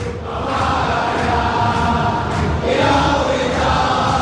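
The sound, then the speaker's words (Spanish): A dense stadium crowd of Boca Juniors football fans chants steadily in unison during a match, a loud, continuous roar of many voices with a rhythmic, sung quality and no single speaker standing out. “Acompasadamente alientan los hinchas de Boca, que gana 1 a 0 con gol de Merentiel.”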